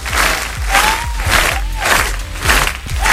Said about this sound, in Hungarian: 8.03, Buenos morgen, figyeld a vastapsot!